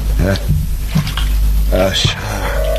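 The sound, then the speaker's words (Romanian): Water splashes and trickles briefly as a man washes his eyes with water from a well, a short wet wash of sound mixed with his voice and a low steady background hum. “Datorită vouă am să mă spăl pe ochi cu apa vrăjită de la fântâna zânei zorilor.”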